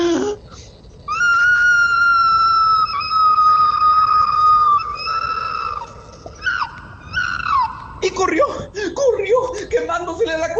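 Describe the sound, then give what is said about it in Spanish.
A human voice imitates an opossum's loud scream of pain as its tail burns in a fire: long, high-pitched wails held for several seconds, then breaking into shorter, sob-like cries. “Y el tlacuache pegó un fuerte grito de dolor, más o menos así.”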